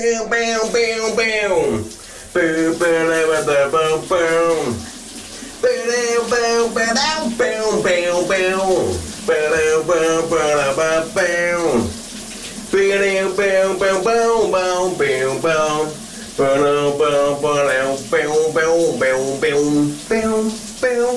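Steady hissing of shower water in a shower cabin runs continuously beneath a man's loud, enthusiastic singing, part of a morning shower quiz on the radio station VLR; he carries a rock melody almost without pause across the whole stretch.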